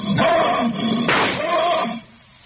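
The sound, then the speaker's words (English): A point-blank rifle shot cracks out in the middle of a loud, drawn-out roar from a lion, which groans on briefly before dying away as the lion is killed, leaving near silence. “If he stirs, the lion will kill him.”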